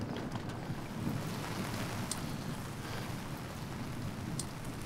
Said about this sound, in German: Der nächste Morgen. Seit Stunden regnet es durch.